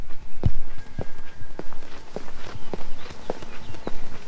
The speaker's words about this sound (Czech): Přesně tam míří mé kroky z nádraží. Na jeden koncert jarní části festivalu Věčná naděje.